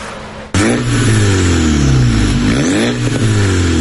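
A loud car engine with a straight-through exhaust revs hard under windows in a Ukrainian city, its pitch sweeping up and down as it roars past, sounding like a Shahed drone engine, with no one speaking.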